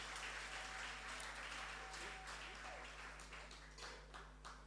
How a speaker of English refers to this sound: I want you to applaud for yourselves.